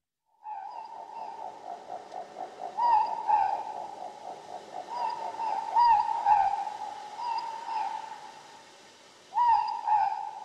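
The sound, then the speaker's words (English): A morepork (ruru) owl calls over and over in clear hoots, its tonal notes rising and falling in a steady rhythm with faint overtones, and no voices. “The Ruru, the Moorpork.”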